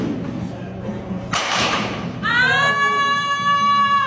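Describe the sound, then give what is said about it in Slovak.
In a meme video from Instagram, two girls practise baseball: one tosses the ball, the other bats it with a racket and it strikes the first girl's hand with a dull thud, followed by a long, high-pitched, wavering cry over a low murmur of voices. “Jedna nadhodí loptičku tej druhej, druhá odpáli raketou tú loptičku, ale trafí ňou tú prvú babu do ruky. Takto to znie.”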